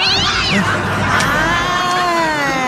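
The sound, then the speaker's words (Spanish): The boss's cat meows loudly on International Cat Day in one long, wavering, drawn-out cry that bends up and down in pitch, with a steady murmur of background noise underneath. “Es el día del gato del patrón.”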